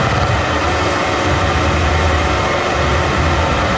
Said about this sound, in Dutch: Formule 1 pauzegeluiden zijn dit. Dat choppertje. Helikoptertieter erbij. Het is allemaal weer fraai.